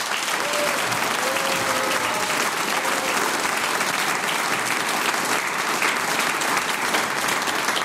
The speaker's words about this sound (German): Ich bedanke mich mit einem großen Applaus bei der wunderbaren Knöpferlstreich.